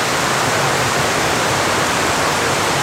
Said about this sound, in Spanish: El sonido del agua es para muchos viajeros el sonido de la vida, el sonido de reencontrarse quizás con otros grupos humanos.